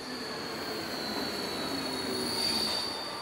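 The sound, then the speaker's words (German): Train wheels squeal steadily in a high, piercing whine over a rumbling rail noise at a central railway station opened in 1937, from which trains run to Tel Aviv, the screech holding and swelling slightly louder toward the end; no one speaks. “In Spitzenzeiten fahren von hier aus stündlich bis zu 4 Züge nach Tel Aviv.”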